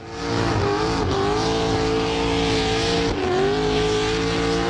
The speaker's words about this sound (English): Oh yeah, check it out. That, friends, is the sound of rubber burning. It is a full throttle day today, cars and motorbike madness. It is adrenaline-fueled action right across Alice Springs today, the show and shine, the burnout comp, the drag racing